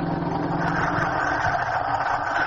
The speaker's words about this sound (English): Ah, the bus.